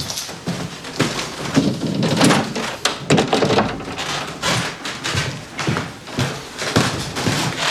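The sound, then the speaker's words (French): A light switch clicks on amid a busy run of hollow thunks and knocks, sharp percussive hits coming irregularly over a faint background, with no voices; a person turns on the light after passing through a very narrow door. “Et alors, attention, je vais mettre un peu de lumière.”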